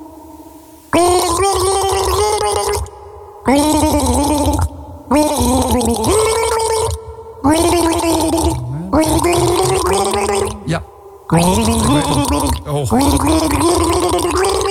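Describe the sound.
Someone gargles a record's tune for listeners to identify, in several long, loud bursts, the bubbling voice wobbling up and down in pitch with short pauses between phrases.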